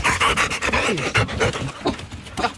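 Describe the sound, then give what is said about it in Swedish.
A dog pants rapidly and steadily, quick breathy huffs repeating in an even rhythm for a few seconds with no voices around. “Kanske kom den via hennes hund. Men här är ju 3 stycken fästingbussar.”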